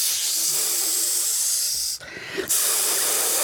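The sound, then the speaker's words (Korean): Beef sizzling on a grill: a steady, bright hiss of crackling fat that briefly cuts out for about half a second, then resumes at full strength. “이제 소고기는 어떻게 먹지? 잘 구워주세요.”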